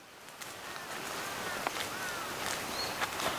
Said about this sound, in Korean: 새소리도 좋고.